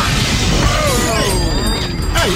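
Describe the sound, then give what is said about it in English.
A loud, sustained crash of broken glass from an opened letter bag, dense and noisy, with bright ringing tinkles of shards scattering through it for a couple of seconds, with no voices. “Everything else, it was broken glass.”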